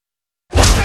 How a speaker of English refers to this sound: Fire the cannons!